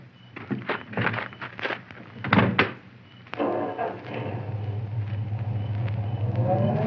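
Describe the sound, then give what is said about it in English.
At night, two people get into a car to drive into town. Several sharp thunks of car doors shutting in quick succession are heard, then the engine turns over and settles into a steady low rumble that carries on to the end. “Oh, this is my car. Would you ride into town with me?”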